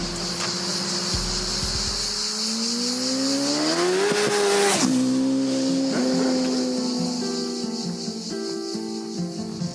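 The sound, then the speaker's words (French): A car accelerating hard at full throttle from first gear on a short closed-off stretch of road, wheels slipping, its droning pitch climbing steadily, then dropping sharply at gear changes before rising again, with loud continuous road and wind noise. “On arrive sur le petit bout de route qu'on a pu privatiser pour faire un run, pour voir si il y a moyen de mettre à fond ou pas.”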